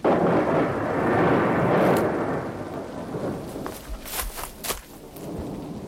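A thunderstorm: a long rolling rumble of thunder dominates the first half over steady rain, then sharp rain spatters and crackles continue in the foreground with no voices.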